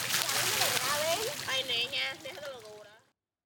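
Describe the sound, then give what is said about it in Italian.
Water splashes and sloshes steadily outdoors as people, children among them, wash together alongside horses; voices, including children, call and chatter over it, fairly loud, before everything cuts off abruptly. “Ci si lava insieme all'aperto, bambini e cavalli.”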